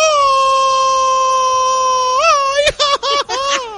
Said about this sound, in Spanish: Oye, plebe, ¿y por qué no mejor te avientas? A ver, aviéntate un grito así bien mexicano desde allá, desde la Placita Olvera, a ver.